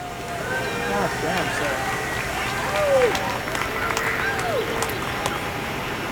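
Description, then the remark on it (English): An outdoor crowd of people from surrounding offices cheers and claps steadily on a brilliantly sunny morning as an elk being placed takes to the air, with scattered whoops and excited voices rising above a dense, continuous wash of applause at moderate loudness. “When the elk finally takes to the air, there's obvious excitement in the crowd.”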